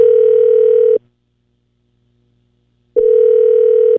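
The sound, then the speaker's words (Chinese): A steady electronic telephone tone sounds for about a second, cuts to two seconds of silence, then starts again at the same loud, even pitch, like a ringback cadence on the line, as the call is transferred to voicemail. “您的电话将转接到语音信箱，嘟声后开始计费。”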